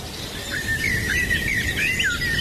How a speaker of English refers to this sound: That's what it's going to sound like in my house today. Birds. Yeah, I've left the window open. Birds have come in. Oh, it's peaceful.